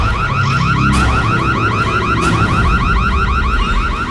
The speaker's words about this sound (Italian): Dannazione, allarme!